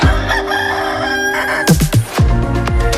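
A loud rooster crows up close, its strained cock-a-doodle-doo rising and breaking over a dense, bright musical backing, with sharp swooping accents near the end. No one speaks.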